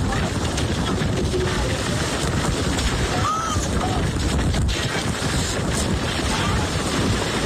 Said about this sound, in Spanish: De hecho, algunas personas grabaron cómo un velero era prácticamente destruido y quedaba en medio de la calle. Así se escuchaba.